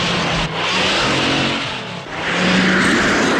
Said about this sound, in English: She squeezes between several stock cars and speeds ahead.